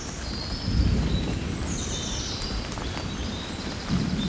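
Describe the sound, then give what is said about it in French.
Birds sing faintly, thin high calls drifting over a steady outdoor hiss, with low rumbling swells of thunder underneath and no one speaking. “Le tonnerre, les oiseaux.”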